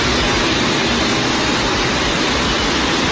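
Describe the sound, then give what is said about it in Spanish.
A loud, steady rush of floodwater after heavy rain roars without pause, broad and hissing, as it surges down calle Jesús de Monasterio toward the plaza del Ayuntamiento in Santander, Cantabria, Spain, with no voices heard. “Así sonaba la riada de agua que corría desde la calle Jesús de Monasterio hacia la plaza del Ayuntamiento de la capital de Cantabria.”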